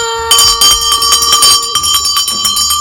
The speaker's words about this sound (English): Alright, you know when you hear that bell, in fact, this bell is a very special bell that you only hear on your Family Fun Radio, and that is the signal for another 3 hours of fun.